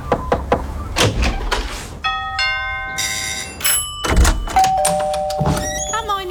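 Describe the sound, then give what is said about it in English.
A quick series of knocks at a door, then ringing doorbell chimes and the clunk of a door being opened, all fairly loud with no talking. “We open our doors to people we trust and care about.”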